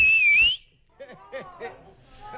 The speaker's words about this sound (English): But have a listen to this. Even the dog went off the second time. Okay. Okay, I need your loudest whistle.